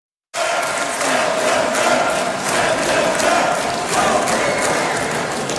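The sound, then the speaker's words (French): A dense crowd of parliament deputies boos and shouts at once after a vote, in a continuous roaring din with scattered sharp bangs and thumps; right and far-right deputies shout "Send them back" and left deputies answer "Shame on you". “les huées qui ont accueilli ce vote, parce que c'est quand même rare qu'on ait témoin de ce chahut dans un Parlement”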